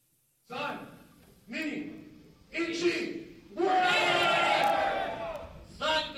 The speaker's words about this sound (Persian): صدای برخورد فلز با فلز، تشویق تماشاگران و مبارزه‌ای که این بار نه میان انسان‌ها بلکه میان ربات‌های انسان نما جریان دارد. توکیو میزبان رقابت‌هایی شده که شاید امروز تنها یک سرگرمی به نظر برسد